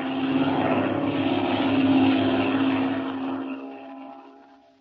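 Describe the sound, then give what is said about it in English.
A black propeller airplane drones steadily overhead, its engine growing louder as it approaches, peaking, then gradually fading. No voices are heard. “It's a plane, Chuck. There it is. A black one. Flying directly this way.”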